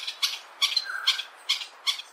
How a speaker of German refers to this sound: So klingt es, wenn der Greater Honey Guide, der große Honiganzeiger, auf sich aufmerksam macht.